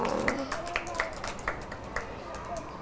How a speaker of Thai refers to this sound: ปรบมือให้น้อง